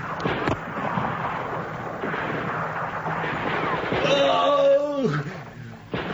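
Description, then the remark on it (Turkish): Gunfire, fired from behind a mound at Greek soldiers, cracks out over a dense, rumbling wash of noise, with a sharp report early on, and a voice shouts with a falling pitch partway through. “Ben şu tümseyin arkasından ateş edeceğim.”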